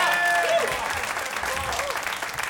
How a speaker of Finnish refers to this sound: Ehkä hän ei ole vielä suvainnut saapua paikalle, mutta annetaan silti aplodit tälle hienolle miehelle.